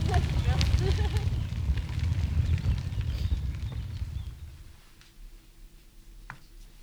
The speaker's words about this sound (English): Crackling fire.